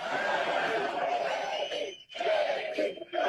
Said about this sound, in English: The people, man, they were there for it. Listen to this. I got to say, it's pretty cool to hear a crowd that is this fired up chant your name. So go ahead and do it again.